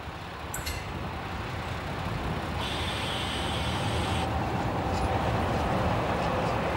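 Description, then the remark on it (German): A diesel railbus (a 'Ferkeltaxe') runs steadily along the 2-kilometre line between Bismarck and Hohenbusch in Saxony-Anhalt, Germany, where the speed limit is 10 km/h, its engine droning under a constant rumble and rattle, with a thin high-pitched squeal rising briefly midway. No one speaks. “Erschwerend kommt hinzu, dass die Ferkeltaxe für die 2 Kilometer lange Strecke zwischen Bismarck und Hohenbusch fahrplanmäßig 13 Minuten benötigt.”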